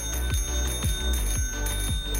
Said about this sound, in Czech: Jakmile uslyšíte mezi písničkama zvonek, hned berte telefon do ruky a volejte k nám do studia